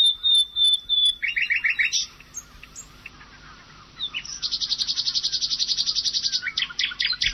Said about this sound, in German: Hier nochmal die Nachtigall im Vergleich.